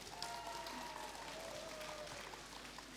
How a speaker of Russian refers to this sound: Мы рады приветствовать вас на первой в России интернет-радиостанции для незрячих «Радио Рансис», которую предлагаю начать с ваших бурных аплодисментов.